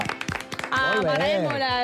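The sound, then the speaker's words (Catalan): Studio audience applause for the opening of Estudi 3 of Catalunya Ràdio: a brief flurry of sharp claps, then loud, wavering voices that rise and fall as they cheer over the clapping until the end. “Un aplaudiment per l'Estudi 3.”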